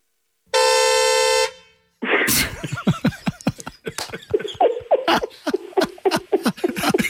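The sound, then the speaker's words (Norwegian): A squeeze-bulb horn gives one sustained, buzzy honk lasting about a second, followed after a brief pause by bursts of loud laughter and excited voices. “Hvis, altså, nå bare sier jeg det, men nå skal jeg bare ta så klemme til på ballen også, så skal du få høre hvordan det er.”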